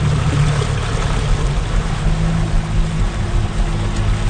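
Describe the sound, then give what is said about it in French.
A boat motors across the water, its engine a steady low drone beneath a constant rush of spray and wind, loud throughout with no voices. “Puis c'est probablement aussi ce qui rend le festival aussi spécial, c'est de faire le spectacle sur une île qui est juste accessible, évidemment, par bateau.”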